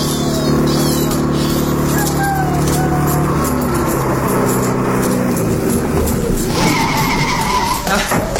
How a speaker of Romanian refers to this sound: Am găsit în sfârșit un taximetru.